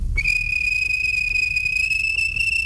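A railway guard's whistle at a station gives one long, shrill, steady blast as a train is about to start, starting almost at once and holding without a break, loud over a low rumbling background.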